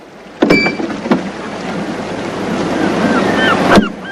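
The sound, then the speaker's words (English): Waves wash steadily over rocks in a bay, a continuous hissing surge broken by a few sharp splashes, with faint high bird calls in the distance. “He pockets the coins and pats down his suit as waves gently ebb and flow over the rocks of the bay.”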